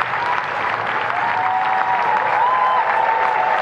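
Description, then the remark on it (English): A large crowd applauds and cheers steadily as the new Labour Prime Minister Burnham and his wife arrive: a dense wash of clapping with a few sharp whistles rising above it, loud and sustained throughout with no one speaking. “The new Prime Minister and his wife, Marie France, arrive into rapturous crowds, the joy on Burnham's face plain to see.”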